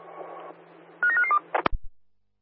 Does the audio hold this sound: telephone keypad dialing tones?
yes